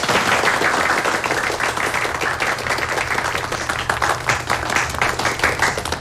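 People at the Fengqiao police station applaud steadily for several seconds to welcome the newly appointed station chief to speak, a dense, continuous patter of many hands clapping, with no voices over it.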